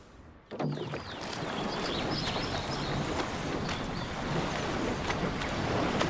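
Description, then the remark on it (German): A rowing crew of young men in a new boat pulls through water at a good, steady stroke rate, oars splashing and knocking with each stroke over a constant rush of water and wind, with no voices heard. “Die Jungs legen sich aber wieder mächtig ins Zeug. Kein Wunder bei dem neuen Boot. Ja, gute Schlagzahl, gute Schlagzahl.”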